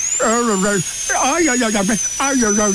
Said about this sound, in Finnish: No enhän minä ole vielä osunut edes tällä poralla sun legoihin.